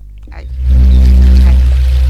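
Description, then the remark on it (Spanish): Water trickles and splashes steadily like a small waterfall, fairly loud, swelling into a fuller continuous flow after a softer start, with no voices. “A mí me da ganas de ir al baño cuando escucho los ruiditos del agua esa que cae, tipo la cascadita.”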